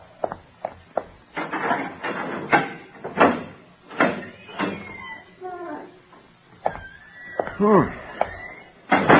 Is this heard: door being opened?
yes